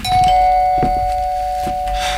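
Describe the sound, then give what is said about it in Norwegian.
A doorbell rings over and over as someone at the door presses it many times, its bright electronic tone sustained throughout with several sharp strikes repeating about once a second, fairly loud. “Nå er jeg blid og fornøyd, men du hadde kanskje ikke trengt å ringe på så mange ganger, men da fikk jeg snakke litt med meg selv, eller snakke egentlig til ringeklokka.”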